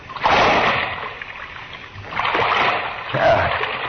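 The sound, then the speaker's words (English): A heavy splash as someone drops down into dark, waist-deep water near a sewer, followed by churning and sloshing, then a second burst of splashing as the water is disturbed again. Fairly loud. “I don't know how deep the water is. Here goes.”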